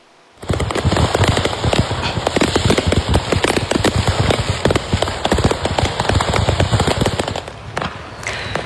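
Dense, rapid crackling bursts of fireworks exploding continuously in a pickup truck loaded with fireworks that caught fire on a highway in Tennessee, USA, after a brake system failure, like a barrage of firecrackers popping and banging nonstop for several seconds, loud, with no voices.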